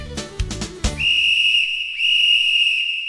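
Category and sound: signal or alarm, referee's whistle blown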